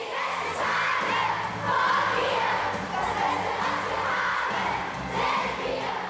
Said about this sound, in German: Probe um 16 Uhr. Aus aufgeregt kreischenden Kindern wird peu à peu ein disziplinierter Chor.